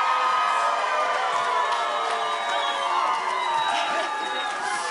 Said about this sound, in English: This is a really special opportunity for these kids to form an ensemble and to perform on stage at a world-class music festival in front of a supportive crowd who gives them thunderous applause and cheers of adoration.